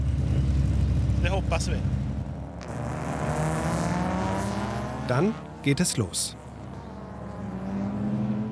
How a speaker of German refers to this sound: Die erdige Rennstrecke ist so angelegt, dass die Wagen auf maximal 80 km die Stunde beschleunigen können.